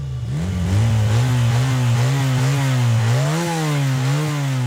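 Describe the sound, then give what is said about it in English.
Loud, continuous engine roar of road racing motorbikes revving in Armoy, a village in Antrim, the pitch wavering up and down as the throttle is blipped, with no voices. “On the programme this morning, Northern Ireland's Farm Safety Hero for 2026, the craft trail from Cushendall to Island Magee, and the familiar soundtrack of revving motorbikes in Armoy.”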